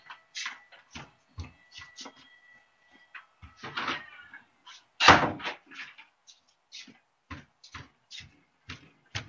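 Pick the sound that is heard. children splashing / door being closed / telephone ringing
door being closed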